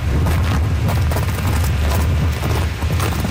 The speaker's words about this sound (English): It's also windy.